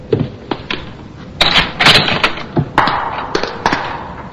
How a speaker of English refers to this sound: Let's see. I ran down the stairs. To here.